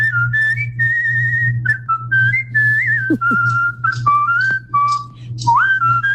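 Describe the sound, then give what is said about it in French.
Someone whistles a bouncy, catchy, well-known pop melody, with quick notes that slide and leap, playing continuously for several seconds over a steady low hum. “Oui, je vous parlais hier de cette mode depuis le mois dernier au Brésil, des groupes WhatsApp où on ne fait que siffler des mélodies connues, évaluées ensuite par les internautes.”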